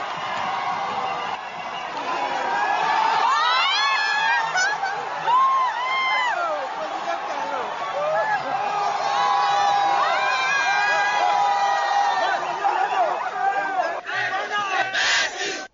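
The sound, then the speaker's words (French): A large crowd cheers and chants loudly and without pause during President Patrice Talon's walkabout among the crowd, many voices overlapping in rising and falling shouts of 'président Talon' and 'merci', with a burst of sharper cries near the end. “On a entendu, dans la foule, président Talon, à bon nom, président, merci.”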